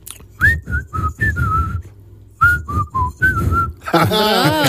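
Someone whistles a short melodic tune, two quick phrases of clear, mid-high notes separated by a brief pause, followed by a burst of dense, warbling noise at the end.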